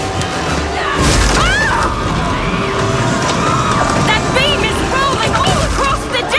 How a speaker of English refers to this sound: Lightning hit the main mast! Crack the top mast in half. That giant beam is going to fall. Everyone, take cover!